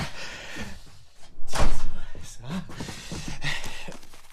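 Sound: studio door being opened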